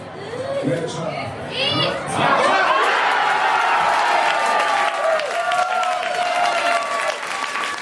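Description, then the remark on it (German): About 200 Germany football fans at a World Cup public viewing in the Gasthaus zur Traube in Frammersbach, Germany, erupt into cheering and applause at the 1:0 goal by Felix Metscher, loud and sustained, with shouts and whistles rising over the roar before it settles into excited clapping and chatter. “Nur 6 Minuten hat es gedauert, bis die Deutschlandfans zum ersten Mal jubeln durften.”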